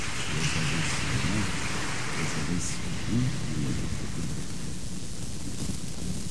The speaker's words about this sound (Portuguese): Ao casal, à família, uma salva de palmas.